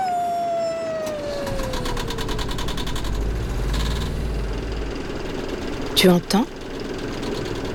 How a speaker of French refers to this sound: C'est le son du Vaporetto. Le Vaporetto, c'est un peu l'autobus des habitants de Venise. Mais un autobus sur l'eau.